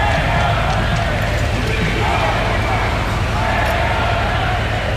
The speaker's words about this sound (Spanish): No evitaba, eso sí, los abucheos e insultos por parte de algunos de los asistentes.